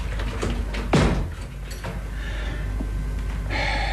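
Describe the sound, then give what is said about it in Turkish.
A door shuts with a single solid thud about a second in, followed by faint shuffling and a steady background hiss that brightens toward the end. No one speaks. “Çekilebilirsin sen. Kapıyı kapat.”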